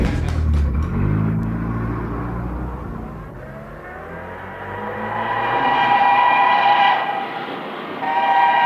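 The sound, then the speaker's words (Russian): A car engine rumbles low, then revs up with a steadily rising, droning pitch as the vehicle pulls away and speeds off. Loud, with no voices. “Машину быстрее! Быстро! Быстро!”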